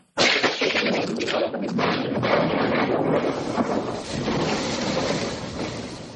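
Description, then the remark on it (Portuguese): A loud, steady roar of heavy rain fills the scene, with deep rumbling thunder rolling underneath and a few sharper crackles, continuous from start to finish with no voices. “Porque tá tudo escuro aqui no meu canto esquerdo, aqui, olha. Vai chover com gosto.”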